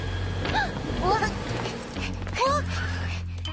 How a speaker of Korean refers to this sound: 그 멍멍이다.